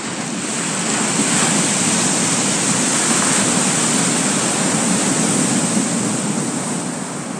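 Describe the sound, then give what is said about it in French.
Heavy surf of the swollen Pacific roars continuously as huge waves crash against an island, a dense wash of crashing waves and churning water with no pauses, loud, with no voices. “Il gonfla tellement que d'énormes vagues se brisèrent contre sa chère île.”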